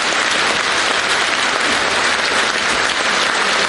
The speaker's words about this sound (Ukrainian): Святкова вистава «Будьте як вдома». Коли Ада з'являється на сцені, зал зривається на овацію.